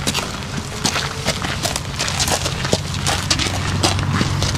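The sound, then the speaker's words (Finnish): A warmblood gelding horse named Paavo walks steadily at the Teivo trotting stables, its hooves clopping in an even rhythm over a constant low background hum, with faint rustling between the steps and no talking. “Nämä askeleen äänet kuuluvat lämminveri ruunalle nimeltään Paavo.”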